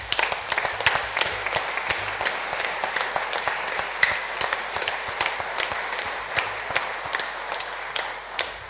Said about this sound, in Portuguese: Portanto, para todos os carreiros, aqueles que ornamentaram esta igreja de forma tão bela, que deram de si para que esta novena fosse digna e bela, a nossa gratidão com uma salva de palmas.